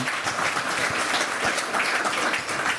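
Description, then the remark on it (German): An audience claps steadily for the initiators of a circus festival, a dense wash of many hands with a bright, crackling texture and no pauses throughout. “Bitte einen herzlichen Applaus für Josa Kölbel und Johannes Hilliger.”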